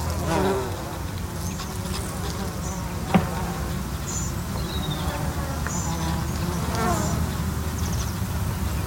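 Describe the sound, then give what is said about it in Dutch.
Bumblebees and bees buzz steadily on flowering water mint at De Mui on Texel, their low drone continuous and overlapping, with a few higher chirps and a brief click cutting through now and then. “Jenny Kramer wandelt bij de Mui op Texel en ziet de hommels en bijen op de bloeiende watermunt”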